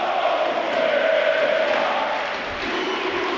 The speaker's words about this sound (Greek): Γουστάβο Πουέρτα φωνάζει το κοινό, εντυπωσιασμένο από τον ντεμπούτο του παίχτη, ο οποίος έπαιτυχε και τον γκολ.